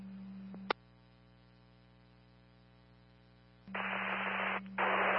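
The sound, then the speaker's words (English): A low electrical hum and a sharp click give way to loud bursts of hissing radio static, two long rushes separated by a brief gap, harsh with no voices. “Congress copies static only.”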